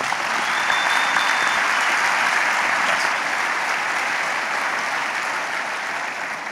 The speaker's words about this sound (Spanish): Un aplauso a Jesús.